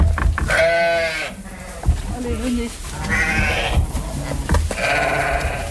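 Several sheep of a flock bleat loudly, overlapping calls rising and falling in quick succession, with brief quieter gaps between bursts and a faint murmur of the flock behind.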